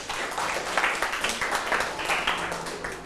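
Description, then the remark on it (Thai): A crowd claps steadily, a dense patter of many hands forming continuous applause at moderate loudness throughout, with no voices standing out. “ไงครับปรบมือหน่อยครับ”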